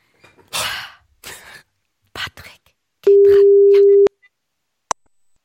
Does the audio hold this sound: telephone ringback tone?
yes